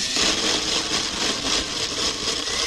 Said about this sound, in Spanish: A ver, prende la licuadora. Y la señora dijo, espérate un ratico ya, ahorita prendo la licuadora. Prendió la licuadora y